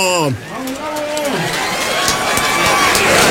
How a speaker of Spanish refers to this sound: ¡El aplauso, gente! ¡El aplauso!